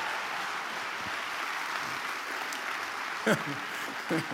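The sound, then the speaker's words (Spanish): An audience claps steadily and loudly throughout, a dense, even wash of applause, with a couple of brief voices calling out above it toward the end. “Y si le va a aplaudir, hágalo con todas sus fuerzas.”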